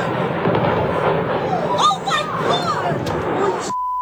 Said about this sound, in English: Videos shared online show the Qantas flight experiencing a suspected engine issue shortly after taking off yesterday, and loud bangs could be heard echoing through the valley below.